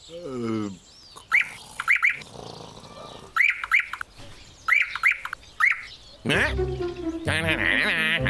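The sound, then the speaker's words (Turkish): A nightingale sings in short bursts of sharp, repeated chirping notes, with brief pauses between phrases, framed by louder wavering animal-like calls at the start and end. “Bülbül, sen de geldiğine göre rahat bir uyku çekebilirim.”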